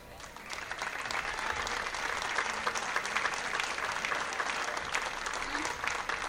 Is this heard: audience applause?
yes